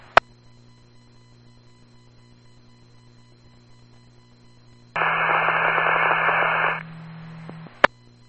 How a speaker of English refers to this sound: Last unit, still unreadable, static.